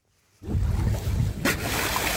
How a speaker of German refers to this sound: Aufnahmen von einem Segelboot vor der dänischen Küste. Was hier zu hören ist, sind Schweinswale. Sie springen aus dem Wasser, erinnern an Delfine Und genau wie Delfine gehören sie zu den Zahnwalen.